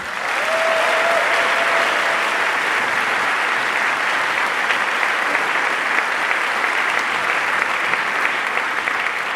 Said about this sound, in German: Wundervolle Menschen aus Berlin, nämlich der Chor Morgenrot. Einen Applaus bitte.